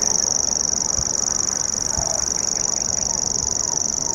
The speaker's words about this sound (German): Dieses Geräusch hier prägte die ersten Stunden unserer Wanderschaft, denn der Feldschwirr, Schwirr, ne, Nomen est Omen, das schwirrt wirklich so vor sich hin, gehört zu einer kleinen Familie äußerlich recht unscheinbarer Vögel